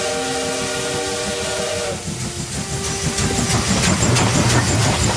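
A steam train's whistle sounds a steady, multi-toned blast for about two seconds, then gives way to loud hissing steam and rhythmic chuffing as the locomotive works; the train carries salt from salt pans to Incheon port.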